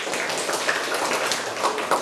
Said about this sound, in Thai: ขอเสียงปรบมือให้เพื่อนหน่อยครับ